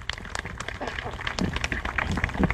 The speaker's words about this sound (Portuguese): Vamos dar uma forte salva de palmas às crianças que se prepararam e encenaram para nós.